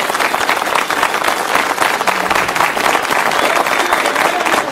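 A television show audience applauds steadily, a dense wash of many hands clapping at an even, loud level for the whole stretch, with a faint murmur of voices underneath.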